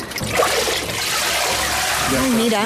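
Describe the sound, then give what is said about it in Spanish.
Water sloshes and drains in a steady trickle as a sieve-like paper mould and frame is lifted from a vat of paper pulp, the water filtering out and leaving a layer of pulp, with a voice starting to speak near the end. “Mira, ha metido la forma en el agua y al sacar, ha filtrado en agua y ha quedado el tejido, la pulpa.”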